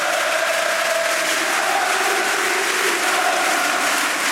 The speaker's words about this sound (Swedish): Och dessutom 3 raka mål. Ja, och helt plötsligt nu ställer sig hela arenan upp här och jublar. Lyssna!